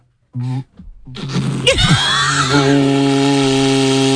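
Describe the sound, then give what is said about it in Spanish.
An engraved ox horn made by artisans in the Basque Country being blown with vibrating lips: a short buzzy honk, a brief pause, then a wobbling blast that bends in pitch before settling into a loud, steady, sustained note. “Es un cuerno de buey, que esto lo hacen artesanos en Euskadi, y fíjate, está grabado y todo.”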